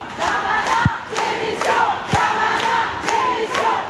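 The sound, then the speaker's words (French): A large outdoor protest crowd chants slogans in unison, including a call for the justice minister's resignation, voices rising and falling in a steady rhythmic cadence, with occasional sharp bangs or claps punctuating the loud, dense roar. “Et ici différents chants sont repris par la foule, notamment un...”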